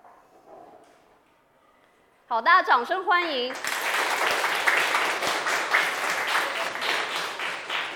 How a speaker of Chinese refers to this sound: 好的，掌声欢迎。